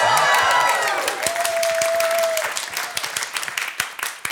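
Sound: audience applause and cheering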